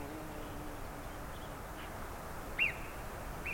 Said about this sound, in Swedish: De låter nästan som en fågel. Det är ett mycket högt lete. På tyska säger man att murmeldjuren visslar, men det är egentligen inte helt korrekt. Därför det är att de ropar. De använder då stämbanden.